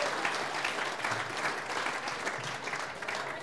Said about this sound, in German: Jetzt hat ich mal sagen, wegen Stimmung, sie hat sich einen Applaus einmal verdient zwischendurch